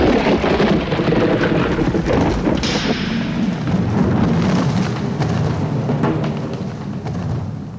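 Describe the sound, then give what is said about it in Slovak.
A loud thunderclap from a lightning strike rolls into a long rumbling roar with a hissing, rain-like wash over it, sustained for several seconds before slowly easing. No voices. “Ty si ma oslepil bleskom a tak donútil zastať.”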